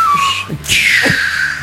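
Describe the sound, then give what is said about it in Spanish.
A voice mimics a whistling firework rocket (a "chiflador"), giving a piercing descending whistle, a brief break, then a second long sliding whistle that fades out gradually, loud. “Cuetones todos los días. 5 de marzo, ¿no? De esos chifladores, ¿no?”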